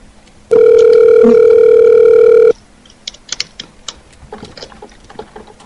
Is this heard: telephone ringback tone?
yes